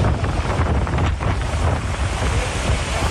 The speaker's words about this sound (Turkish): Hatay'da şiddetli yağış sele yol açtı. Dört Yol ilçesinden geçen Deliçay taştı, araçlar suya kapıldı. Su baskınları da oldu.